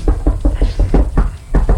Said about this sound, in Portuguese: não é o Bruno Rizzi que está batendo a nossa porta